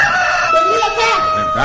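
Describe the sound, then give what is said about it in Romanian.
A rooster crows loudly in a strained, wavering call and flaps about, with a steady sustained tone humming underneath throughout. “Cocoșul ia de glas și se zbate.”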